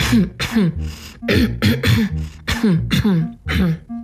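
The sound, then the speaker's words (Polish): A person deliberately clears their throat and gives short coughs through the nose as a voice exercise, about eight quick voiced bursts in a steady series, fairly loud with no talking. “Chrząkajcie, pokasłujcie, ale starajcie się wypuszczać powietrze tylko przez nos, nie przez buzię.”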